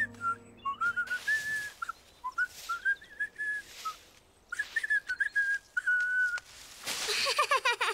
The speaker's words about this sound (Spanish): Yo puedo silbar también. Buen intento, Franklin, pero no debes soplar tan fuerte.